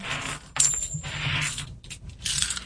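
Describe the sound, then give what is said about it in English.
A handful of 90% silver coins drop and clatter together in a sound test for silver, a bright jingle of metallic clinks and rattles that rises and settles over a couple of seconds, with no one speaking. “So let me gather them up, and we will do the 90% silver coin.”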